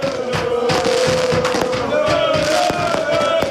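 Night-time fireworks in Torres Vedras, Portugal, celebrating Torriense's win in its European debut match: repeated sharp bangs and crackling bursts over a loud, constant roar of crowd noise, with a steady whistling tone running through the whole stretch.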